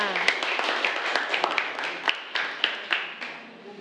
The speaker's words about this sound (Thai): ขอเสียงปรบมือให้กับตัวแทนนี้ด้วยค่ะ